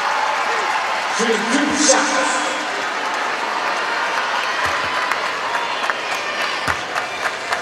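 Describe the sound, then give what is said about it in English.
Steady clapping by teammates at a basketball game between the Fever and Washington, as Kelsey Mitchell shoots overtime free throws, runs throughout, with sharper individual claps standing out against a dense bed of crowd noise. A brief low tonal murmur rises early on, and indistinct voices blend into the din. “Teammates clapping in the background, and Mitchell too strong on the free throw attempt, her first of the night.”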